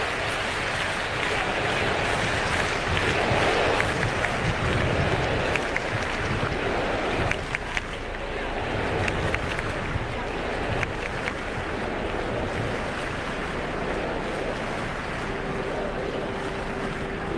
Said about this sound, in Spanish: Bueno, por lo pronto ya completamos 2 minutos de ovación. ¡Viva! ¡Viva!